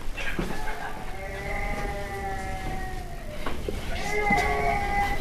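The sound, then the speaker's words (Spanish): A baby who has woken up cries over a baby monitor in long, steady wails, one drawn-out cry followed by a short pause and a second rising bout, fairly loud with no talking over it. “Sí, está llorando, está efectivamente. Llorando. Se ha despertado.”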